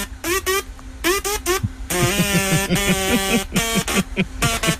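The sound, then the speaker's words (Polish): Voices imitate a mosquito's whine as a Mosquito Day game, holding a steady buzzing hum while choppy, wavering bursts of nasal zzz-like sound layer on top throughout, fairly loud and continuous for about five seconds. “W kalendarzu świąt nietypowych mamy dzień komara i z okazji dnia komara pobawimy się dzisiaj w naśladowanie dźwięków komara.”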